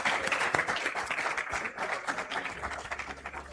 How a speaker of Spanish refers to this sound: Gracias, un aplauso por favor